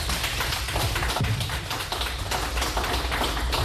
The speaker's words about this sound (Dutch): Mag ik een applaus voor de pennen?